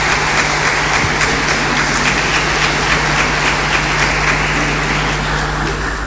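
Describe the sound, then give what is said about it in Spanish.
An audience applauds Rabbi Natán steadily for about six seconds, a dense, even wash of many hands clapping at a constant loudness, with no voices over it. “Le damos un aplauso a Rabino Natán, que siempre tiene la disposición.”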